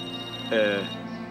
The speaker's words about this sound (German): Dein Handy. Hm? Handy? Ah. Hm, das Büro. Willst du nicht rangehen?